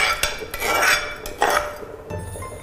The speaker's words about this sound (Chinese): 就把这个米，我们就进到这个绿豆汤里边了。绿豆海鲜汤，来，你直接加进去。